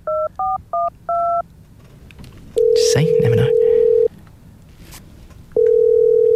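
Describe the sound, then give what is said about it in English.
Four quick touch-tone beeps of a phone number being dialed, then long steady ringing tones with a pause between them, clear, with a voice briefly talking over the first ring. “Did you want to call it and see if we can? Maybe we call her.”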